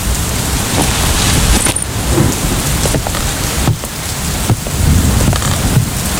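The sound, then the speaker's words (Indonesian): Heavy rain pours down steadily on sloping land in the rainy season, a dense, loud hiss of drops hitting surfaces, with a low rumble underneath suggesting thunder. “Hujan semakin deras.”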